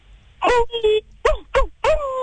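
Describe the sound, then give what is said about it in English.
A person vocally imitates a werewolf's howl with a series of five short, fairly loud yelping cries, each sliding in pitch, the last one drawn out a little longer. “Like you were making, like, howling noises?”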